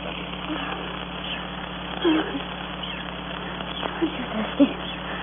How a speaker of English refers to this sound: Listen. Monkeys, those crazy monkeys. I could strangle them.